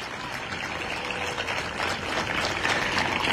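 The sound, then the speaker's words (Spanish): A crowd applauds steadily for a member of the cabinet team, many hands clapping into a dense, crackling wash of sound that swells slightly toward the end, with no voices heard over it. “Así que un fuerte aplauso para Blas.”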